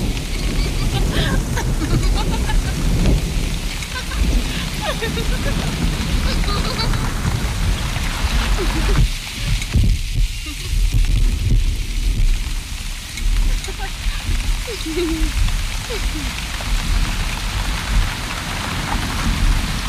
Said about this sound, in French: Ne restez pas sous la pluie, vous allez prendre froid.